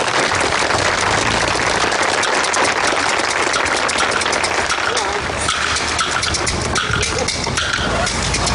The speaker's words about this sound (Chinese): 来，掌声有请第一位。 掌声有请。